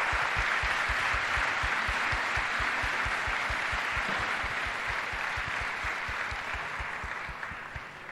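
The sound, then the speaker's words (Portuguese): Sustained applause from a crowd fills the whole stretch, dense and steady clapping, tapering slightly toward the end, with no voices over it; the applause is a tribute to the late Brazilian footballer Giovani. “Uma salva de palmas, por favor, para o Giovani.”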